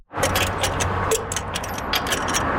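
A rapid series of sharp metallic ratcheting clicks from a torque wrench tightening the lug nuts on a pickup truck wheel at Speedy Auto, a garage in the east end of Ottawa, over a steady low rumble, with no talking.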